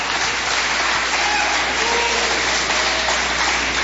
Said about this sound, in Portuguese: A igreja pode bater palmas para Jesus. Aleluia. Vamos voltar a palavra para o servo do Senhor, para a serva do Senhor, e as palmas bem fortes para Jesus.